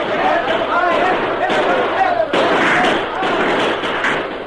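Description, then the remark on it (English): Bursts of gunfire crackle and thud amid shouting voices in a shootout with outlaws in a smoke-filled cavern, a dense, chaotic din that runs without pause, with a few harder bangs breaking through the yelling. “Half blinded by smoke, they were quick to throw down their guns and cry, "Wait him up! Stop shooting!”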